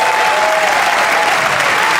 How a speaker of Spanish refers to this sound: Fuerte el aplauso al Rey de Reyes.